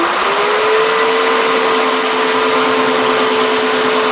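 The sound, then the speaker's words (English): A chainsaw carves a hollow block of wood, big enough to fit your arms around, set at eye level on a wooden stand as the start of a carved horse. It runs loud and steady, its motor holding a constant high whine with a broad rushing noise underneath and no pauses or changes in pitch. No one speaks. “He takes hold of his chainsaw and leans in.”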